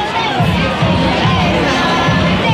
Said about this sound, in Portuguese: Animou-se as bancadas